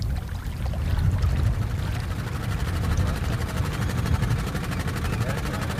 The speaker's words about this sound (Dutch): Zacht gezoem van de grote grijpers, de kranen die op de achtergrond aan het werk zijn. Dit is duidelijk werk in uitvoering.